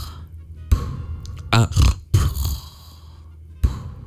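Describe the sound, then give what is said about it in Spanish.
A person imitates their grandmother's snoring with a few loud, rough, guttural snorts and rattling breaths, separated by short pauses, with no speech. “O si no, así, mira, mi abuelita roncaba así.”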